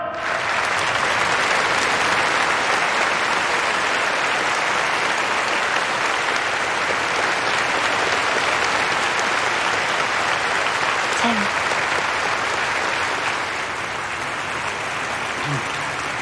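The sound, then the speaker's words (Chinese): A large audience in Dongning applauds steadily for about sixteen seconds as table tennis players are invited to give a report, a dense, even wash of clapping that stays loud throughout and eases off only slightly near the end. “下面就请运动员为大家做报告，鼓掌。”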